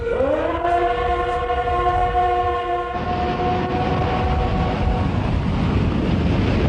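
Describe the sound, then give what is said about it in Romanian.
A crowded pleasure train rumbles along with a loud, sustained horn blaring for several seconds before fading, while the clattering roar of the moving cars grows heavier and continues to the end. No one speaks. “aglomerație, două tichete pe același loc, tren de plăcere. Trenule, mașină mică, unde-l vânci pe Ion mică?”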